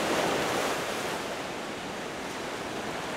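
Ocean surf roars steadily and close by, a dense wash of breaking waves with no distinct pauses and no voices.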